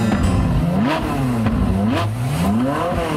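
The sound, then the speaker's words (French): A sports car engine revs hard and accelerates as it races through Paris at full speed, its loud growl climbing in pitch through several quick gear shifts, with no voices over it. “Un vrai farfelu, un type mal léché qui arrivait toujours en retard au studio et fonçait dans Paris à toute allure au volant d'une voiture de sport.”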